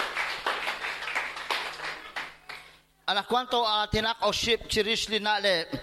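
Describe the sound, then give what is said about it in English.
A church crowd claps for Jesus in a dense, steady burst of applause for about three seconds, then it fades out and a man starts speaking. “Round of applause for Jesus.”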